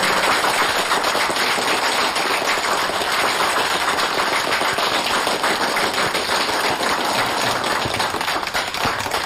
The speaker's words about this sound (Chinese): 接下来就有请我们尊敬的马书记为大家讲几句话。 哦，不用了， 掌声欢迎。